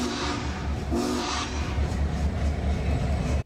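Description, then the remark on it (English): A heavy Union Pacific steam train rumbles past on its route along the Platte River, a steady roar with a low, rhythmic chugging and rail clatter that stays loud throughout before cutting off abruptly. “The train still has several more whistle stops along the Union Pacific route, traveling along the path of the Platte River into Grand Island, then up toward Columbus.”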